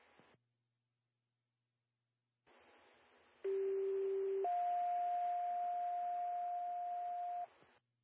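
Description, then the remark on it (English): Two-tone pager alert over radio static during a siren and pager test on Bedford County radio: a steady low tone holds for about a second, then jumps to a higher steady tone lasting roughly three seconds before cutting off. “This has been a test of your sirens and pagers.”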